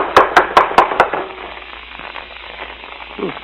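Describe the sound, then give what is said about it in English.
Five quick, evenly spaced knocks on the wooden door of a house, sharp and fairly loud, followed by a couple of seconds of quiet background hiss with a faint low thump at the end. “Don't rap too hard.”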